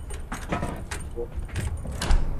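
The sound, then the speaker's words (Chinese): At night, keys rattle and a door is unlatched and pushed open as someone comes into a rented room, a short run of metallic clinks and soft knocks over a quiet room background. “开门进来。”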